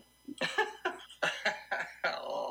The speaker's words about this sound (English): Our rough patch today, Friendly. Our beloved Newfoundland dog, who starts the show and is on our logo. She's on the flag. She does the rough patch of stinger.